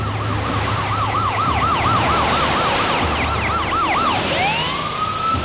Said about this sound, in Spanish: Bennett oye las sirenas del coche perseguidor que se ha colocado justo tras él